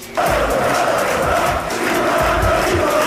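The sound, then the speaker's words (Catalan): Hundreds of fans filling the town hall square (Plaça de l'Ajuntament) in Badalona cheer and shout in a steady, loud roar, with many voices blending together and rising in bursts without any single speaker standing out. “Amb centenars de persones omplint la plaça de l'Ajuntament i amb un Ricky Rubio sent un cop més inspiració pels joves.”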